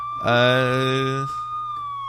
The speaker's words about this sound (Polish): O, jakieś syreny, przepraszam.